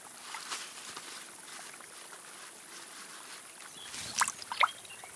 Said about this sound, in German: Der kleine Bach wird zur lebensrettenden Oase.